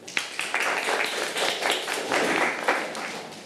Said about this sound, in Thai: ปรบมือกับเพื่อนทั้งหมดค่ะ